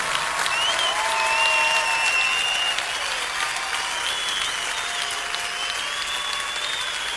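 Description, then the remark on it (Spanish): A large crowd claps steadily and continuously for several seconds in applause for the Lord, a dense, even wash of applause with faint high whistle-like tones drifting through it. “Oh, dale al Señor un aplauso como Él merece.”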